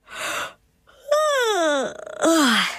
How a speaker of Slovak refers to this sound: Za to Veverička Hanička už vystrkovala z dutiny stromu svoje ryšavé labky. Ponaťahovala si ich a ozvalo sa dlhé zívnutie.